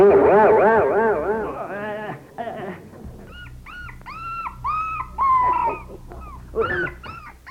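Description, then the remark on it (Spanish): Two dogs whine in a long, wavering cry, then let out a string of short, rising whimpers and yips, moderately loud over faint background noise. “Hombre, ¿y este par de perros que hacen aquí de metiches? ¡Saque animales!”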